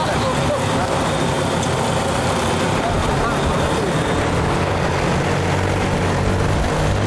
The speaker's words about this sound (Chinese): 哇，啊，这个飞机真的是那个力气，感觉拉这个150斤的竹子特别的轻松就走了。 吊竹子呢，大概像这里是大概是200米左右，一来一趟来回大概是2分钟就搞定。